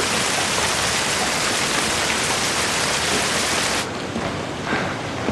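Steady, dense rain hisses loudly and continuously with no voices, its bright high end softening slightly toward the end as the downpour carries on.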